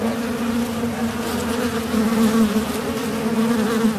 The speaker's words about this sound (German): lehnt sich zum Fenster raus und pumpt das Pulver in den Spalt, wo die Wespe rein- und rausfliegen.